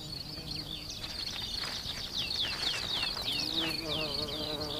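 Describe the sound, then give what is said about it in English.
A mason bee's low, steady buzzing hum swells in the second half, while rapid high-pitched chirping trills continuously in the background. “And for this mason bee, that could spell trouble.”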